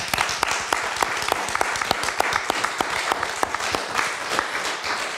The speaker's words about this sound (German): Nochmal Applaus